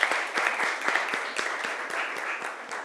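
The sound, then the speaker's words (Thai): A classroom full of people applauding student group 4 after their printmaking artwork presentation, with dense, steady clapping and quick overlapping claps, sustained evenly for a few seconds with no talking. “ขอเสียงปรบมือให้กลุ่มที่4ครับ”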